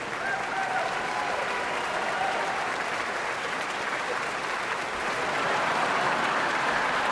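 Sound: audience applause and cheers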